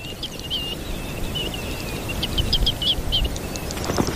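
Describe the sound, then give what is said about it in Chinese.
A bird sings at dawn, a steady stream of quick, high, chirping notes, repeated over and over above a constant low rumble of background noise. No one speaks. “他还要保护自己的地盘，以防被别的鸟抢了去。如此高调实在是冒险。”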